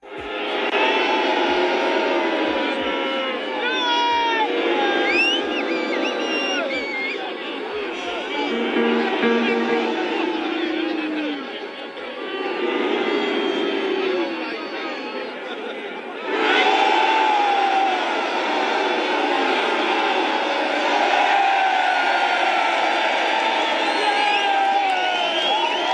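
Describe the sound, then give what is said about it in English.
A large protest crowd in England shouts and cheers as pictures of European leaders and of Trump are shown, in sustained, loud waves, with individual yells and whoops rising above the roar, a brief dip around the middle before the noise surges again. “And the crowd reacted to each picture. Here's the clip.”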